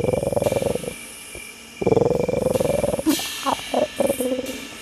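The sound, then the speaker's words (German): A cat named Tiger, curled up asleep in her basket, purrs in a steady, rapidly pulsing rumble, two long stretches followed by several shorter, choppier bursts, fairly loud with no talking. “Murmelt sie und schnurrt.”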